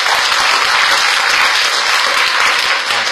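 Sustained, loud audience applause with dense overlapping claps that stay steady throughout, a warm crowd clapping without any voices on top.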